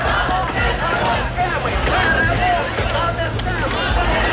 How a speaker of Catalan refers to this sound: Són els crits de milers d'ucraïnesos que protestaven per la destitució del ministre de Defensa del país